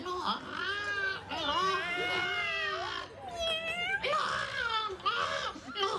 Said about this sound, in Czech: tady je někde kočka. Kočka, kočka, hlej, tamhle.